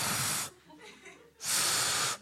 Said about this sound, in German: Ich pfeife! Es bläst nochmal Luft durch die Lippen.